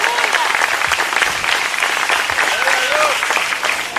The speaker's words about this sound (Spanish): Pero fuerte ese aplauso al Señor en esta hora.